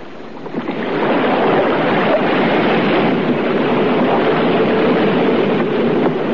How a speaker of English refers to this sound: And they steered for the passage into the open sea. This took us close past the stern of the wreck.